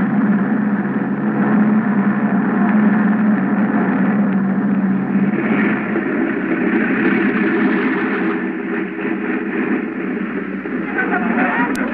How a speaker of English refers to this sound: Hey, that must be the plane from Mexico City.